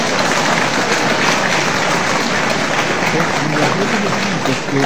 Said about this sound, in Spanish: ¡Un aplauso para la patria!